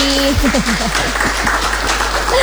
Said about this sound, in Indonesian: Tepuk tangan dulu dong buat semuanya yang ada di sini.